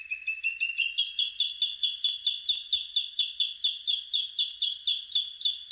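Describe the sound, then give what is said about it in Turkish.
A bird calls in a fast, steady series of bright, high-pitched notes, about four per second, sustained and clear with no talking and little background noise. “Bu programda kullandığımız kuş seslerinden Küçük Kartalı, Amir Mahdi, Keyha, İran'da.”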